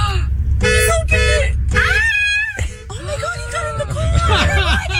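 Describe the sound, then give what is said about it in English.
A car horn sounds in several short, uneven bursts as five bears inside the car bump it, while excited voices exclaim and talk over the honking. “Yeah, they're bumping the horn while they're in there.”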